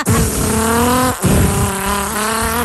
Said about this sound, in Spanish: El auto que mismo no avanza. ¡Eso! Y se ponen al lado tuyo así como ron, ron.